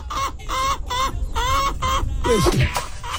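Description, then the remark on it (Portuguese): A chicken clucks in a rapid series of about six harsh, repeated calls, loud, ending with a rising squawk. No one speaks. “Ah, galinha desgramada.”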